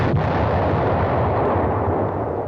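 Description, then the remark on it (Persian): Continuous rumbling bomb explosions and booming blasts, loud and dense throughout, with the heavy low droning roar of aircraft engines underneath. No voices. “به منزل نرسیده آواز موتورهای سمدیات و صدای دهشتناک ترکش بمب را شنید.”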